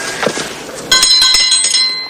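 A small bell rings with a bright, sustained metallic tone that lingers and shimmers, preceded by a few soft, dull taps like knocking on a door, as a man rings and knocks at a set of large brown doors of a single-level property.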